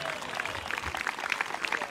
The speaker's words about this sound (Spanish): Dele fuerte ese aplauso si es para él esta noche.